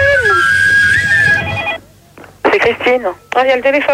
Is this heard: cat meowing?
no